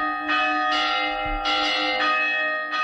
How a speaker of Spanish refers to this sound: El sonido de las campanas ha servido también durante siglos para comunicar a grandes distancias gracias a los campanarios de los pueblos.